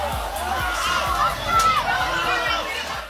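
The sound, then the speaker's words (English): A large student section cheers and shouts in a dense, continuous roar as it rushes onto the football field after a homecoming night game, many young voices blending together, swelling slightly midway and holding steady throughout. “Meeting their student section here. Man, this is an awesome sight to see. The student section gets to kind of rush the field.”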